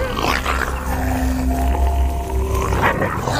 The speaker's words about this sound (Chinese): 为了在狼群中获取地位，他们需要通过大声咆哮、龇牙来向同伴炫耀努力。